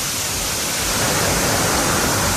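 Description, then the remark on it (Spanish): Heavy rain pours down in Linares, in the Maule region, in a dense, steady hiss that fills the whole clip, loud and unbroken, with no voices or other sounds over it. “Lluvia fuerte a esta hora en Linares.”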